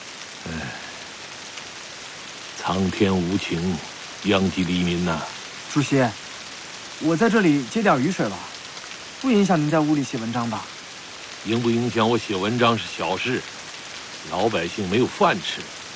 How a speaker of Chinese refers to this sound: 你知不知道，雨照这个下法，淮河又要闹水灾了？